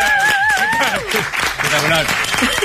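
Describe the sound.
Loud, steady audience applause fills the whole moment, a dense crackle of many hands clapping, with a wavering whistle-like tone and shouting voices rising over it early on.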